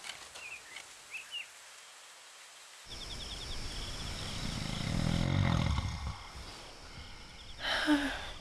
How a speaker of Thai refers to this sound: นอนไม่หลับเหรอลูกปู่กรนเสียงดังใช่ไหมล่ะ พ่อกรนดังกว่าคนปู่อีกค่ะ